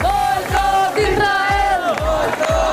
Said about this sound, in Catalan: És el moment en què la vintena llarga d'integrants catalans de la flotilla han sortit per la porta d'arribades de l'aeroport Sergi López. Moltes banderes palestines, també de catalanes, i crits contra Israel.